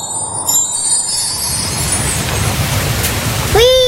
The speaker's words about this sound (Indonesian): Perjalanan air dimulai dari turunnya hujan.